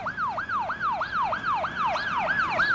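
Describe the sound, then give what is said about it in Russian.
An ambulance siren yelps in fast, repeating rising-and-falling sweeps, about three per second, steady and fairly loud throughout with no voices over it. “подожди, я сейчас скоро, я вызову скорую.”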